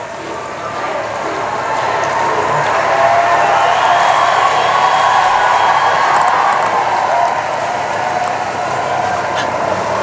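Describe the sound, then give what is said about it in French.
A very large crowd by the cathedral in Metz, France roars steadily as the Pope leaves through the streets, a dense wash of cheering, clapping and many voices shouting thanks, loud and sustained without breaks. “Et encore une foule assez nombreuse, très nombreuse, et bien est dans les abords de la cathédrale et qui crie encore merci.”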